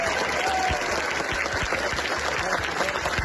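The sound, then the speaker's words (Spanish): Steady applause from a crowd in homage to the volunteers who cared for residents evacuated because of a wildfire, at reception centres in Talavera: dense overlapping claps sustained at an even, fairly loud level throughout, with no one speaking. “Aplausos, abrazos y palabras de agradecimiento con los voluntarios que día y noche han colaborado con la atención a los desalojados en estos centros de acogida de Talavera.”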